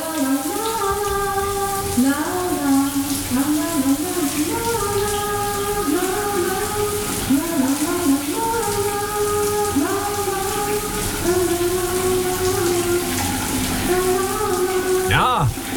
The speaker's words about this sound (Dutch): Goed, de douchegordijn zal open gaan en dan gaat de kraan vanzelf stromen.